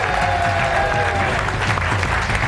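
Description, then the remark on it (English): A studio audience claps steadily and loudly, a dense wash of many hands filling the whole stretch without a break, with a faint murmur of voices mixed in. “It's her birthday today, so make sure you applaud, even if she doesn't make any sense.”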